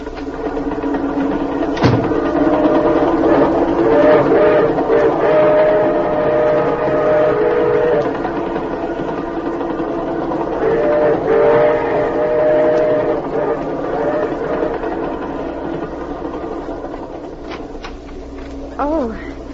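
A moving train rumbles steadily throughout, with sustained whistle-like tones sounding twice in long stretches and a sharp clack near the start; no talking is heard.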